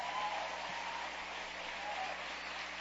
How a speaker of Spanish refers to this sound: Y démosle un aplauso a Dios por eso.